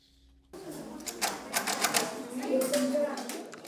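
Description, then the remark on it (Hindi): A Perkins braille machine being typed on by visually impaired grade 6 students at the Trust Fund School for the Blind, a prize from a braille competition, its keys striking in quick, uneven clacks for a few seconds, with a faint murmur of voices underneath. “उन्हें पिछले साल जीती गई एक ब्राइल प्रतियोगिता के पुरस्कार के रूप में एक एक पर्किंस ब्रेल मशीन दी गई है।”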